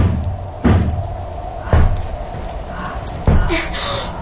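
Three heavy, booming knocks on a door, spaced unevenly over a few seconds, loud and slightly muffled as if struck from the other side, with a faint murmur of background noise between them.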